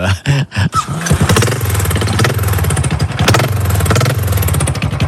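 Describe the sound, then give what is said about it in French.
A Harley-Davidson motorcycle engine cranks with a few sputtering bursts, catches, then settles into a loud, steady, throbbing idle. “Ben là, je vais démarrer une moto dont les connaisseurs retrouveront le bruit, peut-être.”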